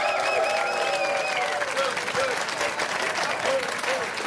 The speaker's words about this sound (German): Kirsten Fuchs ist heute dabei. Applaus für Kirsten Fuchs.